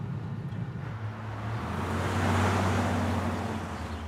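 Paul's VW Bulli van drives past, its low engine drone and tire rush swelling to a peak midway and then easing off, with the engine hum dropping slightly in pitch. No one speaks.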